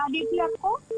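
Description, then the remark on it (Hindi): Two steady electronic beeps sound on a phone line, one long and one short, running under and between a person's talking, at moderate loudness. “हाँ हाँ सुन रही हूँ, ये टूट टूट की आवाज कहाँ से आ रही है?”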